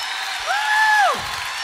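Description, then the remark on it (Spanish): A crowd applauds steadily and loudly throughout, and a single voice lets out a long rising and falling whoop over the clapping midway through. “Levanta ese aplauso fuerte.”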